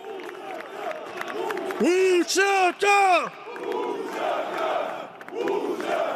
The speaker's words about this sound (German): Vor dem Parlament feierten hunderte UCK-Anhänger die Gesetzesänderung.